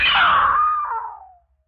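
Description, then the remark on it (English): A woman lets out a single loud, high-pitched, piercing scream, holding for over a second before sliding downward and trailing off into silence. “Yeah. I screamed.”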